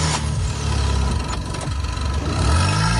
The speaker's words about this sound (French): Une fois les deux voitures ainsi reliées, démarrez le véhicule équipé de la batterie en bon état et laissez tourner le moteur quelques instants, puis essayez de démarrer la voiture en panne.